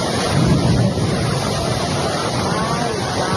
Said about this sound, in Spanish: Se cae el cielo en esos momentos, Dios mío santo. No, llueve durísimo. Jamundí, llueve duro.